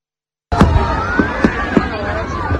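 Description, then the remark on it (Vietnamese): Fireworks burst at 9 p.m. over Hoan Kiem Lake in Hanoi on Vietnam's Independence Day: several sharp bursts pop at irregular intervals over a dense, steady roar of thousands of people cheering, clapping and babbling, with rising whistling tones threading through the mix. “Đúng 21 giờ, pháo hoa đồng loạt khai hỏa, tạo nên những chùm ánh sáng rực rỡ bừng sáng cả bầu trời đêm.”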